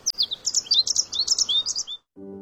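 Birds chirp in a quick, busy run of high, bright tweets for about two seconds, fairly loud, then stop; a short steady tone follows. No one speaks.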